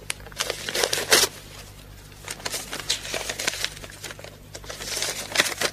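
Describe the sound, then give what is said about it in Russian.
Crisp paper crinkling and tearing in quick, irregular bursts as a packet from Berlin is torn open and the letter unfolded to be read, with a faint low hum underneath and no talking. “пакет из Берлина. Прочитать тут же на месте.”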